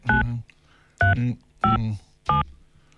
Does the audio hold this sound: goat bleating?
no